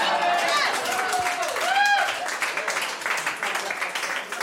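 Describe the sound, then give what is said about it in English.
An audience bursts into loud, sustained applause for a business called Tom Raper RVs, a dense wash of clapping that runs the whole time, with a few whooping cheers rising and falling near the start. “I just want to point out, you guys all applauded for Tom Raper RVs.”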